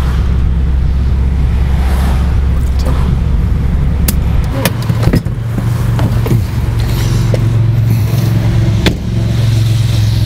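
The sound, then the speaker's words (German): A car's engine hums steadily from inside the vehicle as it drives along a street toward Bebra, with low rumbling road noise throughout and a few sharp clicks and knocks near the middle. “Und diese Straße hier, jetzt fahren wir mal Richtung Bebra, die war einfach vollgeparkt mit diesen Army-Autos.”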